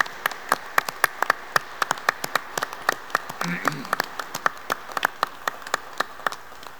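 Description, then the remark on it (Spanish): An audience applauds for mothers with sharp, irregular claps that keep up steadily for several seconds, moderately loud, with a brief murmur of voices partway through. “Un gran aplauso para las mamás que nos escuchan, para las mamás que están acá, las que no están en el cielo, las que no sé.”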